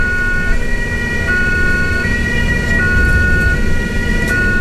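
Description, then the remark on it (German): A loud ambulance siren wails, its two-tone pitch alternating in a steady back-and-forth cycle over a constant rumble of road traffic and engine noise. “Das Geräusch hat sicher jeder von uns schon mal gehört. Die Sirene vor Ambulanz.”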